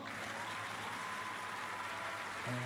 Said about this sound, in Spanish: Aplausos.